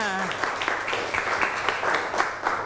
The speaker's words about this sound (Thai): เก่งมากนะคะเดี๋ยวดูคำตอบถูกต้องไหมถูกต้องปรบมือค่ะ